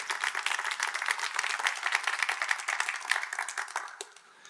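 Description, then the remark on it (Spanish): An audience applauds together for Jesus, a dense, steady patter of many hands clapping that holds strong for about four seconds, then thins out and fades quickly. “Ah, si tú lo crees, le puedes dar un aplauso a Jesús.”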